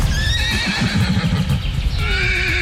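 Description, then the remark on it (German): Wild horses neigh and whinny loudly in the Meerfelder Bruch nature reserve in Dülmen, home to about 400 horses. High wavering calls repeat over a few seconds, with a faint clip-clop of hooves mixed in and no one speaking. “Julian Beuter, WDR 2, raus in den Westen, war gestern bei den Wildpferden in Dülmen.”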